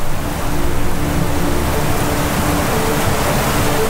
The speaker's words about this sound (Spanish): mientras el agua salvaje dibuja un nuevo paisaje.